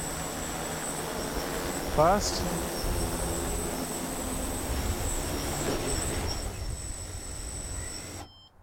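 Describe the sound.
A steady mechanical whir of a drone and its docking box motors, with a thin high-pitched whine throughout, until it cuts off abruptly near the end. The drone has been commanded to return and wait for the docking box to open. A voice briefly speaks early on.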